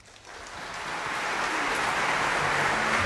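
Audience applause at a concert by Raphaël Pichon and the ensemble Pygmalion swells within the first second into a dense, steady wash of many hands clapping, staying loud and even to the end with no voices standing out.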